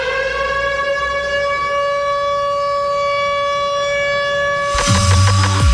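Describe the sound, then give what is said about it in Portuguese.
A loud, steady siren, used as a cue before a program segment of classic sertanejo songs, holds one sustained, harmonic-rich wail for nearly five seconds, then breaks into a harsher, rattling burst at the end. No one speaks. “Ó, você sabe, hein, que quando a sirene toca, vai começar no próximo bloco os clássicos sertanejos.”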